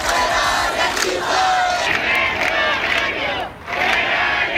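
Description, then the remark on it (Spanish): A housing protest crowd at Las Setas in central Seville, Andalusia, Spain, on a Wednesday chants loudly and continuously, many voices blending into a dense, rising roar with rhythmic surges and a brief dip before the shouting swells again. “Es sonido de la protesta este miércoles en Las Setas, en el centro de Sevilla, también en Málaga, en Huelva, en Cádiz.”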